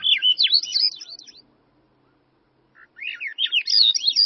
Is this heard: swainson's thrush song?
yes